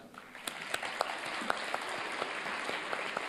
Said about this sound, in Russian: Видите, как он аплодирует? Потому что он сердцем чувствует вашу любовь и теплоту, с которой вы сегодня пришли сюда.